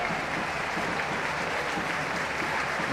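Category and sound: crowd, stadium crowd applauding substitutions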